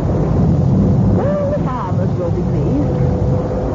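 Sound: storm wind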